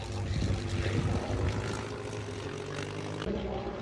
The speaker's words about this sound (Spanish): El escenario está en la explanada del Camino Real con la avenida Juan Carlos I en Villanueva del Pardillo. Desde allí también se podrá presenciar el vuelo de los aviones de época de la Fundación Infante de Orleans.